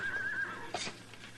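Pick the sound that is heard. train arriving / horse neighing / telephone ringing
horse neighing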